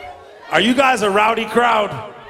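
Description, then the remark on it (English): A rowdy crowd cheers with a loud, sustained whooping yell that rises and wavers for about a second and a half, then trails off into quiet. “Are you guys a rowdy crowd?”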